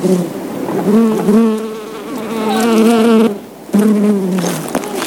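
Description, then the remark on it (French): Loud buzzing of bees recorded with a microphone brought up close to them, a wavering drone that rises and falls in pitch, briefly dropping out before resuming. No one speaks. “On a vu des abeilles, on a approché le micro d'eux, ça a fait bzzz et voilà. Enregistrement d'abeilles.”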